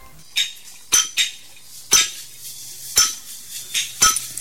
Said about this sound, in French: Sous un soleil de plomb, sans gants, sans casque, sans la moindre protection, les coups de marteau s'enchaînent. Les éclairs de pierre volent.